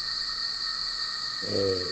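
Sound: cicada buzzing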